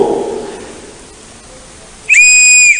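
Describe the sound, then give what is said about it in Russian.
A single sharp, piercing blast of a rescue whistle used to signal for help sounds loud for under a second, cutting in abruptly after a stretch of quiet, muffled background rumble. “Самый известный способ спасения, используя свисток.”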